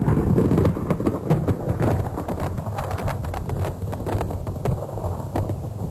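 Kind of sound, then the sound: sound effect, thunderstorm sound effect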